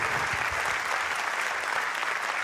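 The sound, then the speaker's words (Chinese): Steady, dense clapping from an audience fills the whole stretch, a continuous wash of many hands applauding, with no voices standing out. “谢谢大家，好，无气候的掌声吼，谢谢。”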